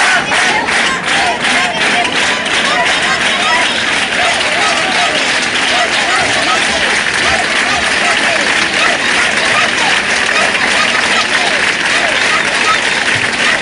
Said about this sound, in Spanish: Ceuta, Ceuta, Ceuta, eran los gritos, Ceuta no se vende, que daba paso a un sonoro aplauso.